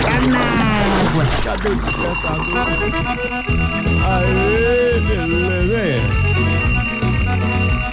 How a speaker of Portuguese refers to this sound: Cadê o despertador?